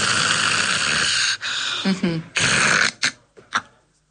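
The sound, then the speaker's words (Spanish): A person imitates loud, raspy snoring with an apnea: long harsh breaths broken by a short pause in breathing, then a choked restart and a few sputtering gasps before it trails off into quiet. “Una persona que ronca y hace una apnea y vuelve a respirar, ¿no?”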